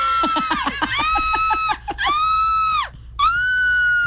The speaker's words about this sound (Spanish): Es que deje ese audio de grito, uno bien nervioso, y abre la radio y ese grito, ¿cuál es este?